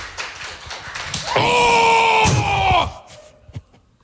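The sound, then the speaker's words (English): A hard, big-swing slap on the buttocks lands as a sharp, loud smack in the middle of a sustained, wavering yell that cuts off soon after, with faint crowd noise before and a small thump near the end. “Big swing. Big swing. Right on the tush.”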